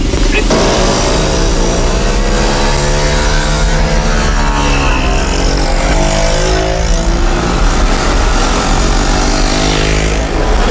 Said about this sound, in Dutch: Dus de langzame brommers blijven mooi voorin rijden. We hebben geen haast en we willen graag een veilige rit met z'n allen doen.